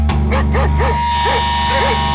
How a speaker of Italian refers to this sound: che succede? Un cane?